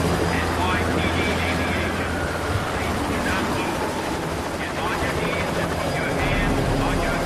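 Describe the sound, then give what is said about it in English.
A helicopter hovers over rooftops, shining an intense spotlight, its loud, steady rotor roar and low engine rumble filling the scene continuously, with a rushing, wind-like wash over the whole stretch. “A helicopter's intense spotlight shines on the hitman.”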